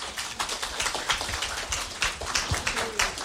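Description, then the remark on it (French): A concert crowd claps loudly and steadily to greet the listeners of Radio DC, which broadcasts the concert live, a dense patter of many hands that stays strong from start to finish, like a hard, crackling rain of applause with no voices rising above it. “Alors on applaudit hyper fort.”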